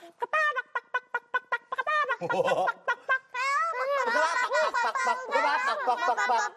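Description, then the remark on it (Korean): A group of children's voices imitate chicken clucking while singing a song together, starting with a quick run of sharp, rhythmic clucks and swelling into a loud, overlapping jumble of squawky cackles and giggles. “완전히 여긴 닭장이야.”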